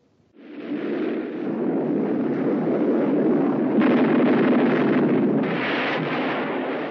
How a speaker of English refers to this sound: That was an F-86 Sabre jet fighter in actual combat in Korea.